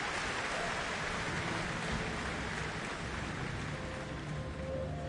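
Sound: concert audience applause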